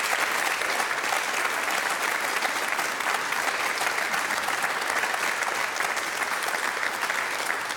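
Sustained audience applause at the Eventkirche in Dortmund, a dense, steady wash of many hands clapping at an even loudness throughout, with no voices standing out.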